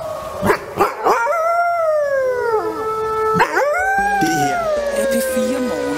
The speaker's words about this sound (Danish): Så skal jeg love for, at der bliver ulvehylet derude, og det bliver der jo i større og større omfang her i det jyske. For ulven er i sandhed kommet til Danmark.